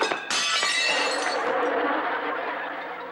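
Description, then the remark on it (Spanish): Plates smash in a loud, bright crash, followed by a scatter of clattering, tinkling pieces that keep rattling and slowly fade. No one speaks. “¡Mis platos! ¡Ay! ¡No te dije que tuvieras mucho cuidado!”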